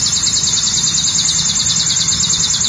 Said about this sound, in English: The bird is the sharp-looking chipping sparrow.